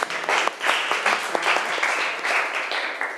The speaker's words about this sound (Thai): ก่อนอื่นปรบมือเพื่อนก่อนเร็ว